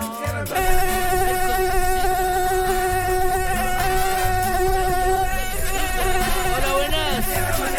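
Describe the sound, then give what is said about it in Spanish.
An Aedes aegypti mosquito, the species that carries Zika, buzzes in a steady, high-pitched whine that starts after a brief moment and holds throughout, wavering slightly in pitch toward the end, with no talking. “El Aedes aegypti. Ese que transporta el Zika.”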